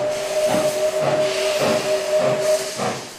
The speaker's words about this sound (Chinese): 随着戈壁石铁路的逐段开通，伴随六公寸轨道诞生的小火车，冒着白色的浓烟穿过滇南的山林和市镇，长长的汽笛声似乎在宣告一个传奇时代的到来。